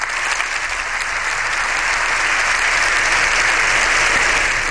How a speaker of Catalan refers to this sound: Per primera volta, un pontífex intervé davant de les Corts Generals. Diputats i senadors han trencat en aplaudiments a l'entrada a l'hemicicle del pontífex.